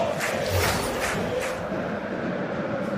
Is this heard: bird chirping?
no